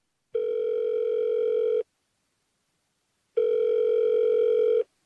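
A phone ringback tone heard while a call is placed to ask about a shipment of goods: two steady, buzzing electronic tones about a second and a half each, separated by a pause of similar length, clear with no voices.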